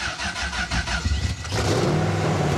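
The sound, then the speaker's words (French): A keyless car is started with a push button in neutral after the ignition is switched on and the fuel pump runs; its starter cranks in a quick, steady rhythm for over a second, then the engine catches and, with a little throttle, roars into a loud, rumbling rev with a rising, sustained growl. “Point mort, et le bouton du démarrage, démarreur est ici. Faut accélérer un peu.”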